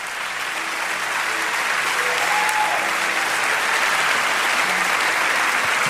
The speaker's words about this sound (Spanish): Vamos, dale un fuerte aplauso al Señor.